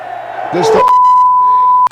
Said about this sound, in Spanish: Ese era el grito, que aquí es un bip, por supuesto.